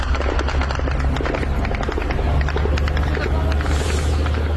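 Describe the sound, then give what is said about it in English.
A loud, steady engine drone from Ukrainian military drones in flight as they hit targets in Russia, with a deep low hum that never lets up and a dense scatter of sharp crackling bursts layered over it throughout. “Those are the sounds of Ukrainian drones as they hit targets in Russia, and we are seeing and hearing a lot more of that.”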